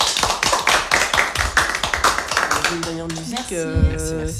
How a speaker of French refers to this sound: Merci pour votre participation. Ouais, c'était trop chouette. Oui. On peut vous applaudir, je pense.